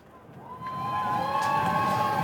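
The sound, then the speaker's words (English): A cricket stadium crowd cheers and roars as the ball is played back to the bowler, the broad wash of voices swelling over the first second and then holding steady and loud, with whistles and shouts scattered through it. “The crowd still enjoying themselves as that one is played back to the bowler.”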